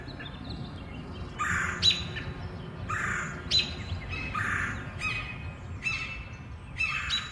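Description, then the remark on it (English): Birds chatter in the treetops of Forest Hills in a steady outdoor stretch, with a series of harsh squawks and shrill chirps repeating every second or so over a low background hum. No one speaks. “Chatter in the Forest Hills treetops.”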